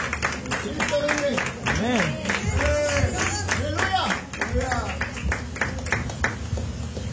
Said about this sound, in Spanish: Ofrenda de palmas al Señor,